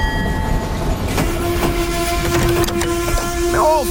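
An old steam locomotive rolls by with a steady rumbling roar and sharp clanking beats, while a long, sustained whistle tone sounds through it and bends downward near the end.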